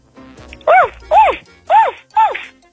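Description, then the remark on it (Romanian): A person imitates a very happy puppy seeing its owner after a holiday, with four high, arching yips in quick, even succession, each rising then falling in pitch, fairly loud. “Ești un cățel care își vede stăpânul după o vacanță.”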